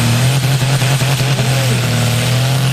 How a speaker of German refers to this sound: So hat es das Wochenende jeweils den ganzen Tag durch auf einem Feld zu Martal im Zürcher Wieland tönt. Ein Traktor nach dem anderen hat es versucht, einen mehrere Tonnen schweren speziellen Bremsschlitten eine Strecke von 100 Meter weit zu ziehen.